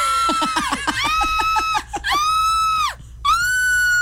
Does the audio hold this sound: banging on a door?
no